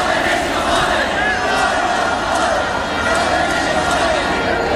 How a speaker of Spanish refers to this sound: Estamos en el patio del Congreso, que es el único sitio seguro, y vamos a escuchar algunos de los cánticos.